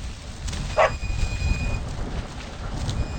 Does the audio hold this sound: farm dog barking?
yes